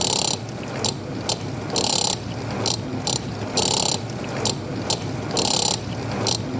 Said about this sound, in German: Jetzt versuche ich erstmal mit dem Mixer den Rhythmus von der Spülmaschine mitzuspielen.